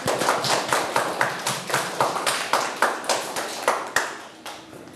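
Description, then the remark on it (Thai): A group of students clapping their hands for a classmate in steady, fairly quick claps, a little uneven, with no talking over it. “ขอนักเรียนทั้งต้นทางปลายทางปรบมือให้เพื่อนหน่อยครับ”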